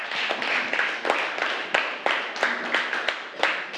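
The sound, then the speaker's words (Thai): A class of children claps together for a classmate who gave a correct answer, a dense run of quick, overlapping claps that keeps going steadily at a moderate loudness with no voices over it. “ใช่ค่ะเก่งมากปรบมือให้เพื่อนค่ะ”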